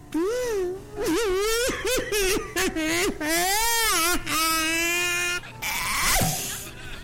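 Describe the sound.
A man's voice imitates loud, exaggerated crying, drawn-out wavering wails broken by short sobbing gasps, continuous for several seconds.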